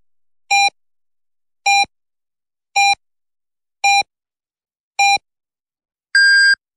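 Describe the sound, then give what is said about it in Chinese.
Five short, evenly spaced electronic beeps about a second apart, then a single longer, higher-pitched tone, clear and loud against silence. It is the radio time signal for 11 o'clock Beijing time on Renqiu Media Center's comprehensive radio station, FM103.4. “北京时间11点整。”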